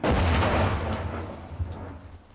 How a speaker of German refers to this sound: 10 Schüsse, mehr sollte er nicht abfeuern können. 3, 4, 5, 6, 7. Das waren schon 8.